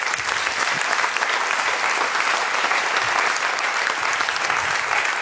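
Steady, sustained applause from a studio audience at a prize presentation fills the whole stretch, a dense, loud wash of many hands clapping without pause, with only faint murmurs beneath it.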